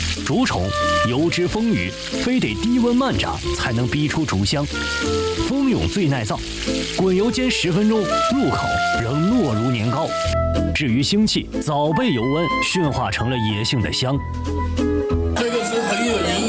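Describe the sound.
Hot oil sizzles steadily as river insects deep-fry quickly at low temperature in a restaurant back kitchen, a continuous crackling hiss running underneath louder music and voices throughout.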